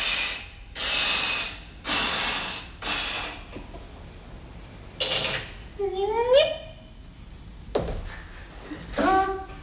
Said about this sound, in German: Er bläst den Luftballon auf.